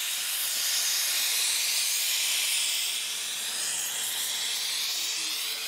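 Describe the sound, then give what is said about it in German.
A gas torch flame roars with a steady hiss as roofing plumbers anneal copper sheet so it can be shaped into round arches, holding loud and even for several seconds with no voices. “Für die müssen die Bauklempner das Kupfer erst aufglühen, um sie formen zu können.”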